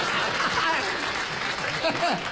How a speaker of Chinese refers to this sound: 哎， 行行行， 这鼓掌的都观察生活啊。